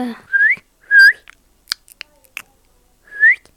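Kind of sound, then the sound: bird, parrot sound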